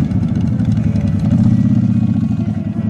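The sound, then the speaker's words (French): Several motorcycle engines rumble together during a motorcycle parade, a steady, loud low-pitched drone with a rapid throbbing pulse and some clattering, as a group of bikes rolls slowly past. “Au menu de la journée, un défilé de motos, des concerts, deux films sur écran géant.”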